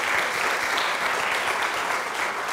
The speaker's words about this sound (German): Bitte einen wunderbaren Applaus erstmal für unsere wunderbaren Autorinnen und Autoren. Dankeschön.